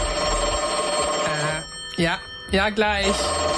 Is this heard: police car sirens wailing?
no